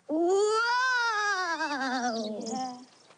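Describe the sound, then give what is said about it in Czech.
A voice imitates howling wind with a single long, wavering wail that rises in pitch, then slowly slides downward and fades out after about three seconds. “To byla meluzina.”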